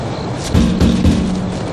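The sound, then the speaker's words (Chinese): Three firm knocks on a door, spaced about a quarter second apart, each a dull thud over a steady low hum, with no voices. “别敲了。”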